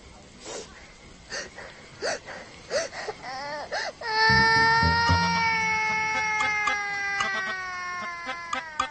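A child cries in short, whimpering sobs at first, then breaks into a loud, sustained high-pitched wail that holds steady before trailing off into broken sobs.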